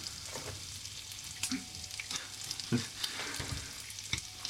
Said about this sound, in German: hört ihr, wie das brutzelt? Lecker, lecker. Nein, nein, nein, nein, nein, nein. Lecker, lecker Speck.